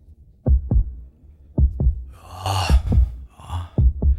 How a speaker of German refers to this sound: Bei denen ist jetzt der Herzschlag noch entspannt, nicht? Das ist so.